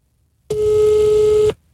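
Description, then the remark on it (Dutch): A single steady ringback tone from a phone held against a microphone sounds for about one second, loud and clear with a slightly tinny, phone-speaker quality, starting and stopping abruptly against near silence. “Zet de telefoon tegen de mic. Dan hoor je hem wat beter.”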